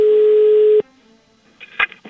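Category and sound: signal or alarm, telephone dialing a call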